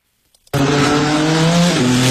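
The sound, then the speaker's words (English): After a brief silence, loud race car engines burst in with a sustained roar, tonal whines and squeals layered over the rumble, and the pitch shifts partway through as cars race past on the streets of the Capitol at the Freedom 250 Grand Prix. “A lot of horsepower roaring on the streets of the Capitol for the first time.”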